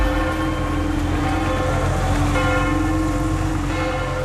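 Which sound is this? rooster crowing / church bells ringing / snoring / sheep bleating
church bells ringing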